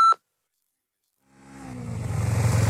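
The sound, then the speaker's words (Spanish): A single short electronic beep sounds at the very start, followed by a moment of silence, then a car engine rises and revs up loudly. “Hágalo después de oír la señal. ¿Has oído ya la señal?”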